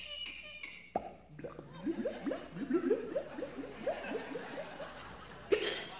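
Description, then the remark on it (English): A voice performs a vocal sound effect of a cork being pulled from a bottle and water gurgling out: a sharp pop followed by a quick run of bubbly, rising glugs, ending with another small pop. “And water gurgling, you know, when you pull the cork out of the bottle.”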